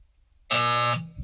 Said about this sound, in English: Well, there. Buzzer took you a long time to get that. Well, I had to reach for it.